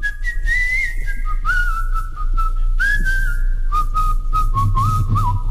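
A musician whistles the vocal part of a song, a sustained, clear melody sliding smoothly between notes in a steady tune, loud over a low background hum, with no talking.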